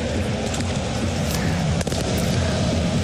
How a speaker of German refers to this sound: Wir warten hier das Feuerwerk ab. Das ist aber auch gar nicht so schön, muss ich sagen. Also das sollten sie doch besser lassen.